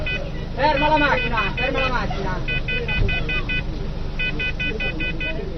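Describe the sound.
Street traffic rumbles steadily as a car idles, with a voice shouting early on and two bursts of rapid, high-pitched beeping toots cutting through the noise, as Carabinieri order the car to stop during the Mafia Capitale inquiry.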